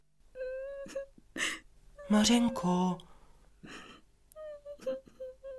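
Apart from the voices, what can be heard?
girl crying and whimpering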